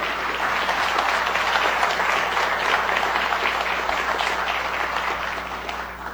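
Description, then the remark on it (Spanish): Sustained audience applause welcoming newly introduced guests, a dense, steady wash of many hands clapping at full volume throughout, easing off only slightly toward the end, with no voices over it. “Ahora sí, aplausos.”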